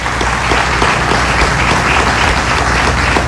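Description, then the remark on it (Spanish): An audience at a journalism awards ceremony applauds the audiovisual journalism prize, a dense wash of many hands clapping at an even loudness throughout, with no voices standing out above it. “El premio Periodismo Audiovisual a Irimar Hernández. Un aplauso.”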